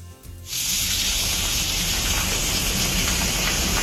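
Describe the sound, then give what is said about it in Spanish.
Hail pelts down in a dense, steady hiss of countless tiny impacts in Vera and the north of the province, Andalusia, starting abruptly after a brief quiet moment and staying loud and constant throughout. “Bueno, el granizo en la zona norte de la provincia y en Vera, que está cayendo de lo lindo.”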